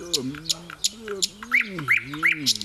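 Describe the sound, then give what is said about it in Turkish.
A nightingale sings in quick bursts of bright, rising chirps and sharp ticking notes, with a low, wavering voice-like murmur running underneath the whole time. “Bülbül, sen de geldiğine göre rahat bir uyku çekebilirim.”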